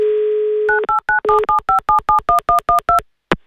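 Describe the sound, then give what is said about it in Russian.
A steady telephone dial tone hums briefly, then about a dozen quick two-tone keypad beeps follow in an even, rapid rhythm as a listener is called on the Avtoradio radio game "Mnogo deneg", ending with a short click. “Звоним ему.”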